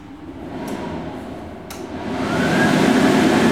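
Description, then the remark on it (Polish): An automatic electric hand dryer with a photocell sensor blows steadily, a broad airy roar with a couple of brief clicks early on, then surges louder as the airflow ramps up and holds; it cuts out at times as a hand is held at the sensor. “Ta suszarka przerywa, proszę Państwa, dlatego że jedną ręką trzymam mikrofon, a drugą jestem przy suszarce, trzymam rękę, bo jest fotokomórka.”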